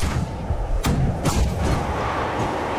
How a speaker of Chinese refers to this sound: 突然间，地面上响起了高射炮声，密集的火力开始向渐渐远去的运输机射击。